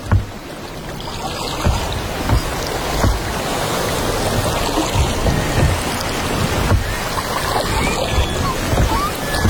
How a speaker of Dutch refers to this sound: dobberen in een bootje boven een koraalrif.